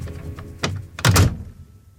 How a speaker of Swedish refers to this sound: Sen slog han igen dörren och pustade ut.